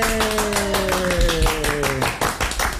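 Steady, dense applause from several people in the booth welcoming visiting band members, with a sustained, slowly falling vocal whoop riding over the clapping for the first two seconds.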